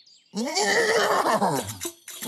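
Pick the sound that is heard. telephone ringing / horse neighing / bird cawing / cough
horse neighing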